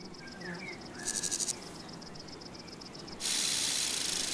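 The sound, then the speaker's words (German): A conehead katydid's high-pitched, rapidly pulsing buzz, like a sewing machine, ticks along steadily, then swells into a loud, continuous hissing trill for the last second, in a farmer's meadow. There is no talking. “Dieses Nähmaschinengeräusch stammt von einer Schwertschrecke”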